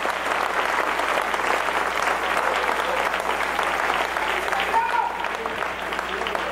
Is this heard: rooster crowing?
no